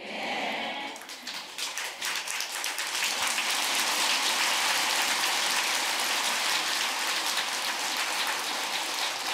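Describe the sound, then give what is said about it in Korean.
An audience at a Buddhist dharma talk breaks into sustained applause, a dense, even patter of many hands clapping that swells quickly and holds steady for several seconds with no voices over it. “이제 법문이 시원찮으니까 박수로 쳐가지고 법문도 좀 덜 들으려고 하는 거라 지금.”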